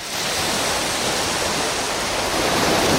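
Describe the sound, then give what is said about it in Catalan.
A steady, full roar of surf, like waves washing continuously onto a beach, with a slight swell in loudness near the end. No voices are heard. “Aquella música de les ones quan arriben a la platja.”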